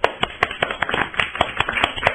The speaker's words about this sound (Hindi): बहुत प्यारी कविता सुनाई आपने, इनके लिए तालियां हो जाए बच्चों।